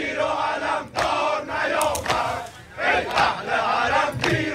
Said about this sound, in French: Les participants tiennent des photos du leader suprême, de la musique religieuse est diffusée et régulièrement des chants de soutien à Khamenei éclatent dans la foule.